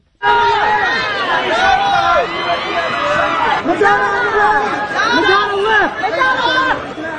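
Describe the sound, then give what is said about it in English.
A large crowd screams and shouts excitedly as celebrities pose on a red carpet at a fashion event, many high-pitched voices overlapping in a loud, continuous roar that swells in bursts over about seven seconds, people shouting praise for outfits. “People screaming, "I love that outfit," as the celebs posed on the red carpet.”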